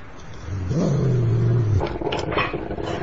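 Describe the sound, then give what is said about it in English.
A dog lets out a deep, drawn-out growl lasting about a second, fairly loud, with a low rumbling background noise continuing before and after. “What's it called? It's a dog.”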